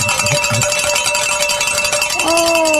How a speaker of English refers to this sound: Oh, man. Amen. I think this is the latest we've rang the bells.